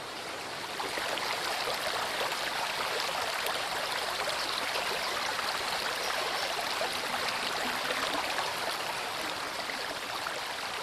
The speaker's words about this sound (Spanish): se abre el Valle de Chisagüés. Llamativo donde los haya, encierra barrancadas por donde el agua baja vertiginosamente para formar numerosas venas que surcan la roca hasta el río principal.